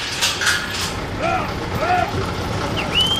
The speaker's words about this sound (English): For the first time in more than a year, a group of U.S. Customs and Border Protection officers are unlatching a lock on a giant door built into the towering, rust-colored border wall.